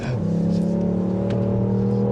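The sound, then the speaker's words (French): A 200-horsepower rally car engine roars loudly, holding a strong, steady revving drone as it accelerates, with no voices over it. “On m'a dit que c'était une voiture de rallye, donc j'espère tout.”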